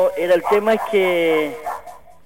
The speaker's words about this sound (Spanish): ¡Cállate, oye! Que tengo un perrito acá.